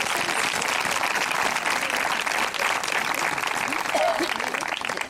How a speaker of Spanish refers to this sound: Si usted puede darle un aplauso al Señor, déselo en esta noche.